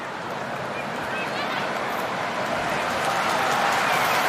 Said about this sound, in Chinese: 这一波连续的进攻也使得现场呢观众爆发出了一阵掌声，现场呢有很多的中国球迷来为中国女足加油助威。